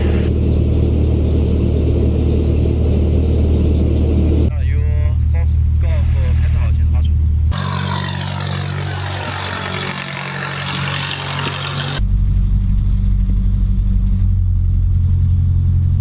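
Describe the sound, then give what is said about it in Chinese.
The engine of a Xianglong 100 light sport aircraft runs steadily after starting, waiting for the oil temperature to rise before departure: a loud, low droning hum that persists throughout with shifts in tone, and muffled voices occasionally under it. “好，现在就是咱们发动机启动了。”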